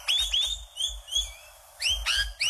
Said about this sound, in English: The rainbow lorikeets, unlike other parrots, they mainly feed on nectar, and they have just loved what we've done with our street trees and parks throughout the entire country.